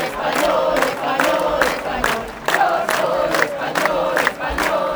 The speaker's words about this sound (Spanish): Entre banderas de España y gritos de Pedro Sánchez dimisión, miles de personas han participado también aquí en una protesta respaldada por Vox y el Partido Popular.